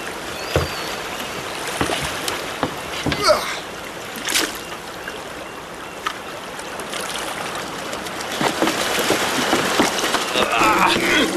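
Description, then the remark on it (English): Water sloshes steadily around a small rowboat not far from the shore at dawn, with a few sharp splashes near the middle as a fishing net is thrown over the right side of the boat, then busier churning and dripping toward the end as the net fills with many fish. “Throw your net on the right side of the boat and you'll find fish.”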